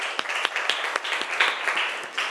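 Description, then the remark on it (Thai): A group of students in a class clapping loudly for the representative of group 3, a dense patter of many overlapping hand claps at fairly steady loudness, with a few sharper individual claps standing out. Brief applause with no talking. “ดีมากค่ะปรบมือดังๆให้ตัวแทนจากกลุ่มที่3ค่ะ”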